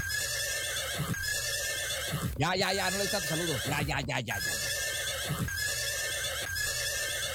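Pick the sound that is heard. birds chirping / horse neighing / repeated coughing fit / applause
horse neighing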